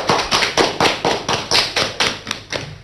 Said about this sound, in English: Let us all clap for all the participants for their instant response.